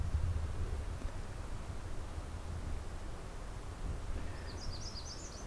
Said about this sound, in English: Bird song. Distant waterfalls, and otherwise it's very quiet.